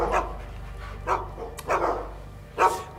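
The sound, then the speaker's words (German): Two dogs, London and Vienna, barking in short, separate bursts, nervous because the dog sitter is coming, about four or five sharp barks spread across a few seconds, moderately loud, with no talking. “Die sind so nervös, weil der Hundesitter kommt.”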